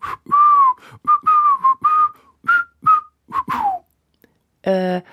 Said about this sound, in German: magst du mal versuchen, unsere Ergebnisse nicht zusammen zu fassen, sondern zusammen zu pfeifen?